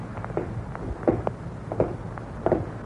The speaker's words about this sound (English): those footsteps, those same footsteps following him.